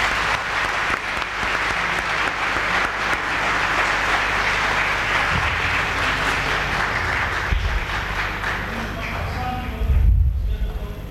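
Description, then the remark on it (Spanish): A crowd at the end of a church Mass applauds the children on Children's Day, steady dense clapping from many hands for several seconds, with a few low thumps near the end as it begins to fade. “Un aplauso a los niños en el Día del Niño.”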